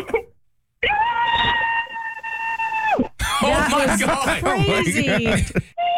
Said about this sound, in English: Can you scream into your pillow?